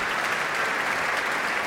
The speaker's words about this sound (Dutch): En daar klinkt het applaus voor Jefim Bronfman.